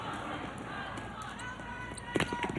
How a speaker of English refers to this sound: And you can tell the intensity. Both of these teams are ready as they make the dash to get their arrows.